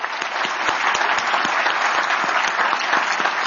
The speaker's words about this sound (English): I want to thank, if we could, give another round of applause for Assistant Secretary Basler.